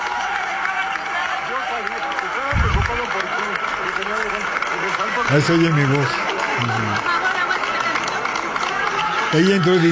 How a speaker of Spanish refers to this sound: Pero bueno, la ovación del teatro fue increíble. Todo mundo de pie, en el teatro de pie, de pie, de pie.